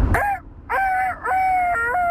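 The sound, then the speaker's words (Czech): A person imitates a rooster crowing with a loud voice, drawing out a strained, wavering call in three connected bursts, the last one long and held. “další zvířecí zvuk. Věrný kohout.”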